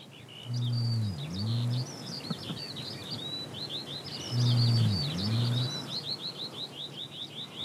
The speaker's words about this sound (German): Zum ersten Mal hören wir deutlich den Nandu-Ruf.